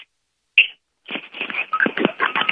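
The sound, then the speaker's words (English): Loud electronic telephone line tones: a brief beep, a short pause, then a continuous stretch of harsh, buzzing dial-style tones that waver in pitch, prominent, with no voices. “your phone is very loud.”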